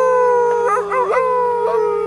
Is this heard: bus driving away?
no